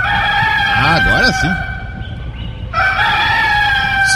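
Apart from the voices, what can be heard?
rooster crowing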